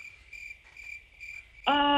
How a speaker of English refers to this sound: Where's those crickets at? I knew they were going to come into account.